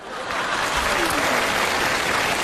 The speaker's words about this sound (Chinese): 你不觉得这个掌声很勉强吗？ 没有啊，人挺认真鼓掌。